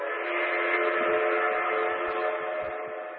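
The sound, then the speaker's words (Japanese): A train approaching on railway tracks sounds one long, steady whistle with rich layered tones while low rumbling thumps from the wheels pulse underneath, the whole sound holding even and easing slightly at the end. “汽車が来た。”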